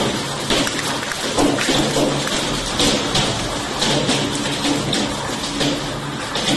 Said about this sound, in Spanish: Ahí está, ¿eh? Miren. Esto es un ratito nada más con truenos, relámpagos.